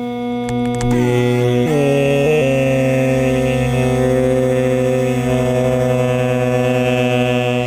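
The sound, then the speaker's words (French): A mosquito's steady, rich buzz drones on without a break, its whining pitch dipping and wavering slightly early on before settling into a constant hum. No voices accompany it. “Donc au début, on va entendre simplement le moustique seul.”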